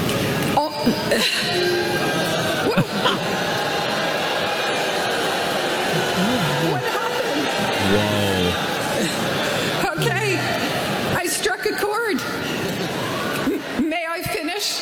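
A massive crowd boos loudly and without letup, a dense, roaring wall of low voices lasting the whole stretch, with scattered shouts and whoops rising above it.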